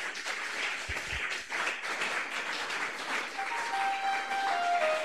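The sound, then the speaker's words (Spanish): An audience at the Pentecostal church La Cosecha in Olmos applauds loudly and steadily for several seconds, dense overlapping claps welcoming the church's young women's choir, with a faint sustained tone emerging in the background toward the end. “Y los presentes les recibimos con fuertes aplausos para el Señor Jesús.”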